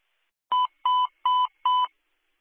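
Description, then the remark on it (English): A fire dispatch alert tone for Lee Fire Department and McGregor Ambulance to respond to a fire alarm activation in Durham: four short, identical electronic beeps in an even rhythm, loud and steady in pitch, with no voices. “UNH Garland, on the air with the tone for Lee Fire Department and McGregor Ambulance to respond in Durham, 25 Wortham Road, in at Sprucewoods for a fire alarm activation, requesting a Lee engine to the scene, McGregor Ambulance to the scene.”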